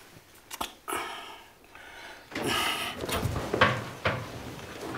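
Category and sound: household object, door being closed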